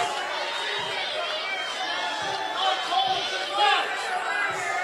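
A baseball crowd at Newman Outdoor Field roars steadily in displeasure at home plate umpire Jeff Head over a pitch call with the bases loaded, a dense wash of voices that swells louder twice near the end, with no single voice standing out.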